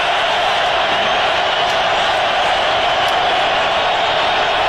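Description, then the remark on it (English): A stadium crowd at a Rams football game roars continuously at full volume on 3rd down and 4 for the Rams, a dense, steady wall of noise with no letup for the whole stretch, loud and enveloping as if heard from within the stands. “Crowd making as much noise as they possibly can.”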